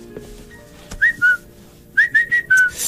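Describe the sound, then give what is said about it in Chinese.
A person whistles a cuckoo call: a two-note falling pair, then a quicker run of four descending whistled notes, clear and tonal over a quiet background with no talking. “这不就布谷鸟吗？”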